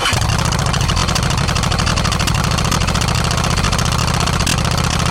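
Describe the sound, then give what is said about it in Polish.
A motorcycle engine idles with a steady, uneven low-pitched chug and rapid rhythmic pulsing that holds at a constant level throughout, with no voices. “Ten dźwięk na początku naszej audycji nie jest przypadkowy.”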